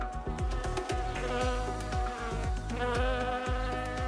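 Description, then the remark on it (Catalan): A mosquito whines in a steady, high-pitched buzz, its pitch wavering and swelling every half second or so as it circles, with no voices present. “Segurament, vostè aquesta nit passada n'ha tingut un rondant com aquest.”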